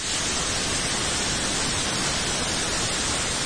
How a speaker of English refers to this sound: we can tilt this flat white noise to add emphasis to other sets of frequencies